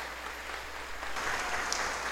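An audience claps steadily after a baptism, the dense patter of many hands swelling louder about halfway through and holding at that level, with no voices over it.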